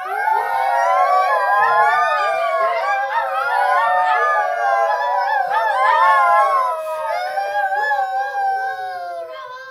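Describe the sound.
Several voices howl together in long, wavering, rising and falling tones, imitating a fox's call. The overlapping howls are loud, filling the whole stretch without pause.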